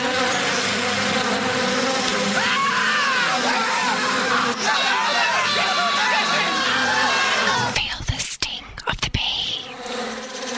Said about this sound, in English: Is that a bee?